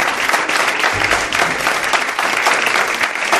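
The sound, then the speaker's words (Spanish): An audience applauds a newly introduced guest on a show, steadily throughout, a dense, even wash of many hands clapping at a loud, sustained level with no voices standing out. “No os he pedido un aplauso para ella”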